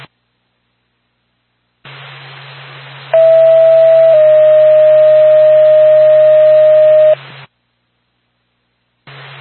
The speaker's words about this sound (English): NORPAC to Lancaster Ambulance. Stand by for tone.